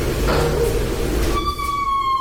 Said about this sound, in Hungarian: Aha, egy jó ajtónyikorgás. Na, ezt hányasra értékeled? Hármas. Ez egy erős hármas, jól van.